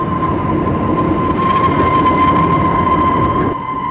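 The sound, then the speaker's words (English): A passenger train in the Rocky Mountains rumbles loudly and steadily while a sustained, shrill, high-pitched whistle rings over it. The noise eases slightly in the final moment as the train brakes with a jerk to a halt. “After the passengers had taken their breakfast, the train gave a shrill whistle and braked with a jerk and came to a halt.”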